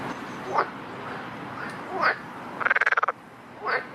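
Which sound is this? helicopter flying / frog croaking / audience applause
frog croaking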